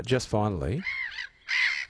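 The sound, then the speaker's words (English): A black-headed gull gives a run of harsh, nasal calls: a lower, wavering squawk first, then two shorter, higher screeching cries with brief gaps between them, fairly loud. “Is that the black-headed gull?”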